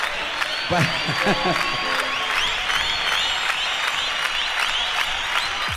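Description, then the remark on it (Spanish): An audience applauds steadily for several seconds, a dense, continuous wash of clapping with high whistles threaded through it and a brief shouting voice early on. “aplaudan, la puta que los parió, aplaudan.”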